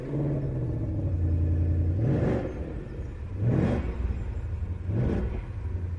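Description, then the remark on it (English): A 5-litre normally aspirated V8 engine in a three-pedal manual-gearbox car idles with a deep, steady rumble after starting, then is blipped three times, each rev rising sharply in pitch into a loud roar before dropping back to idle. “And we get a noise that is absolutely superb when you start this car up, because there's nothing quite like cubic inches and a 5 litre normally aspirated V8 that crackles into life.”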